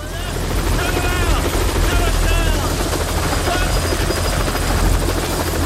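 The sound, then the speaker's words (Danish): A helicopter lands at a work site, stirring up dust. It roars loudly, its rotor thudding steadily through a dense wash of engine noise for the whole stretch, with indistinct voices faintly mixed underneath. “Og lige pludselig så lander der en helikopter og støver hele arbejdspladsen til.”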